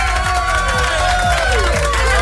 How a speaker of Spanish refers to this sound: Fuerte el aplauso, amigos y amigas. Ahí lo tienen como debe de ser.